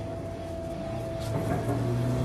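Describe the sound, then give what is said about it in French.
A car engine revs hard and holds at full throttle at AET Motorsport, a racing turbocharger specialist. It is a steady droning roar with a whining tone on top, its pitch climbing slightly toward the end. No one speaks. “J'ai des hallucinations auditives ou vous entendez aussi un moteur qu'on pousse à fond?”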